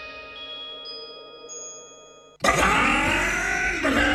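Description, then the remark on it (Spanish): A car engine hums steadily at idle, then suddenly roars up into a loud, full-throated rev that stays strong until the end, used in a radio advertisement for Bardal fuel injector cleaner. “Para que tu auto suene así, limpia inyectores de Bardal. Con inyectores limpios, el auto anda mejor y ahorras combustible.”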